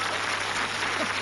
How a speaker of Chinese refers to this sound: 说呀，来，我们掌声鼓励他往下说呀。